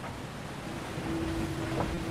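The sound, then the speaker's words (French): A foiling sailboat gradually picks up speed over the water, preparing to lift off: constant wind and spray rush, then a steady humming whistle rises about halfway through as the hull lifts, fairly loud. “Le bateau qui peu à peu prend de la vitesse, on le sent, et qui se prépare à décoller.”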